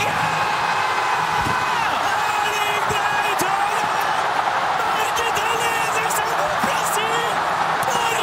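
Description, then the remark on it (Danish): A stadium crowd of many thousands of Norwegians, watching the match on a big screen at Ullevål Stadion in Oslo, roars and cheers without letup, loud and dense, as Haaland puts Norway ahead against Brazil in the 79th minute, while a Norwegian TV football commentator yells excitedly over the din. “Det udløste eufori både hos de mange tusinde nordmænd, der fulgte kampen på storskærm på Ullevål Stadion i Oslo, og hos fodboldkommentatoren på Norsk TV.”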